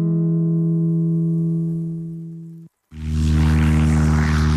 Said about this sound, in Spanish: En A Vivir as Rías, este sábado, subímonos a unha avioneta para descubrir Mataricos dende o aire.